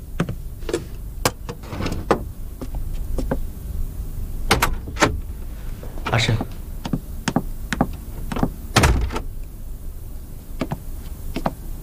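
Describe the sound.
A door rattles and thuds through a string of sharp knocks and clatters as someone bangs on it demanding it be opened, ending as it is pulled open, with a brief spoken word near the start.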